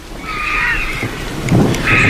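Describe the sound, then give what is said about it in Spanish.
A low, distant rumble of thunder from a storm moving away toward Gredos rolls steadily throughout in the late afternoon, with a soft hiss on top and faint bird calls drifting in above it, no voices present. “Y la tormenta que se va hacia Gredos, hacia allá lejos.”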